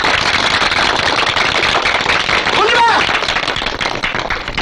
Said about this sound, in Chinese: 我提议大家鼓掌，在这给你鼓掌。